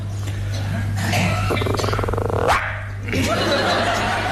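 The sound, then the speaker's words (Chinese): A man's voice mimics a dog guarding its food: a rough, rattling growl that rises into a sharp yelping bark, then trails off into further snarling. “不是你这小狗叫唤干嘛呀？”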